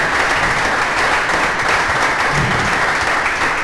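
Steady, dense applause from an audience, many hands clapping at once in a loud, continuous wash of sound with no gaps and no voices standing out.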